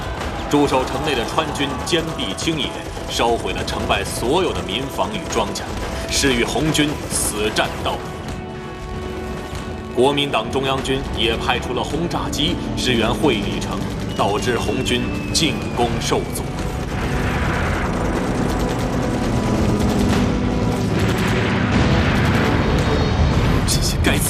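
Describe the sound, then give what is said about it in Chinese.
A loud battle scene: bombs and explosions go off again and again over a droning rumble of Kuomintang Central Army bomber aircraft supporting Huili city against a Red Army attack in May 1935. Voices shout now and then, and the din grows denser toward the end. “国民党中央军也派出了轰炸机支援会理城，导致红军进攻受阻。”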